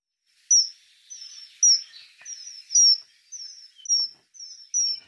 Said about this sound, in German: Der Pfiff des Eisvogels haben Sie hier gehört. Es ist ein schöner Vogel. Seine Oberseite schimmert glänzend blau, die Unterseite leuchtet orange. Der Eisvogel ist Vogel des Jahres 2026.